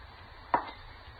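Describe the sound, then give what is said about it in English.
A woman's single sharp slap across a face rings out, a quick bright smack that fades in a fraction of a second over a low, steady hum, with no voices. “She slapped me.”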